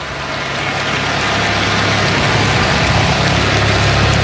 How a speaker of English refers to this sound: Chopper flying by overhead.